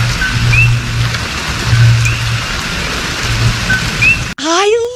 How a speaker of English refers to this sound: but frogs chirp? This one does. It like whistles.